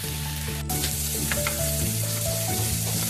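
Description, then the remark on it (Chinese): Garlic, added to oil in a heated wok, sizzles steadily, a continuous crackle and hiss with a few sharper pops and clinks, no voices present. “热锅烧油，加入大蒜”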